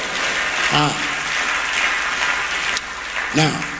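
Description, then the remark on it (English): An audience claps their hands in a steady, dense wash of applause, loud throughout, with a couple of brief voiced shouts rising above the clapping. “Clap your hands and say, praise the Lord, amen.”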